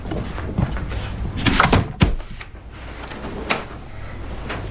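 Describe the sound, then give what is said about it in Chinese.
A door opens with a short scraping rush and a sharp latch click, followed by faint shuffling. No one speaks. Someone comes in without knocking. “他又不敲门，这都几回了。”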